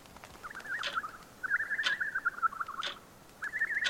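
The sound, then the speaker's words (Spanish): A motmot, a clock bird whose tail swings like a clock pendulum, gives a warbling, bubbly call repeated in several short phrases, fairly loud, while sharp clicks made as it moves its tail land about once a second like a ticking pendulum; no one speaks. “Estas aves son conocidas así por la forma de su cola que parece el péndulo de un reloj y al moverla emiten este sonido.”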